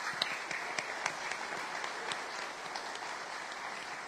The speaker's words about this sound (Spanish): Y ellos vienen a compartir su fe. Denle un aplauso, ¿no es cierto?